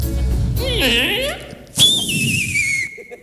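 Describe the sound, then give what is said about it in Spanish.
A voice imitates an archery shot: a wavering, whistling swoop like an arrow in flight, then a sharp thwack followed by a long, high ringing tone that slowly fades. “¡O el tiro con arco!”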